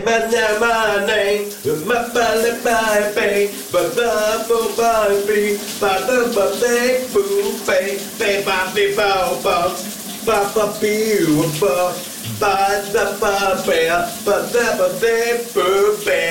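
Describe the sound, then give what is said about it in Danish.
Shower water runs in a steady, hissing stream throughout during a morning shower while a man sings loudly over the noise of the spray. “Vi skal genlytte med morgens brusebadshit.”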